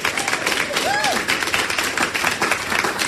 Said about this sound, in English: You passed. Big round of applause.